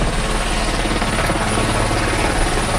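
Helicopters arriving at a port after rescuing survivors from a capsized boat roar steadily, rotors chopping in a fast low-pitched pulse beneath a broad engine whine, loud and continuous throughout with no voices.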